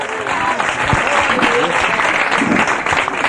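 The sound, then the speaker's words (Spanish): An audience claps loudly and steadily throughout, the dense crackle of many hands, with a few voices calling out faintly beneath the applause, given as applause to the Lord during a Spanish-language church sermon. “Dele fuerte ese aplauso al Señor esta tarde.”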